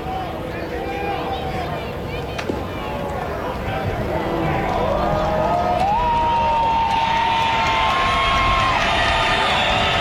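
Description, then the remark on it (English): A baseball crowd at a game between Amarillo and the Missions cheers, a dense continuous roar of many voices that swells louder over the span, with a few higher shouts and whistles rising above the din. “This crowd getting into it.”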